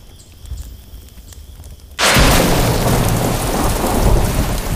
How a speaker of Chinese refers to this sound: 下雨了。